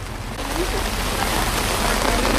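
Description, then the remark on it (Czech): Steady rain falls outdoors in a Nebraska town during a visit by the president, a dense, continuous hiss and patter of drops that holds at an even, fairly loud level throughout, with a low rumble underneath. “Prezident se rozhodl projít městem, akorát, že zrovna prší.”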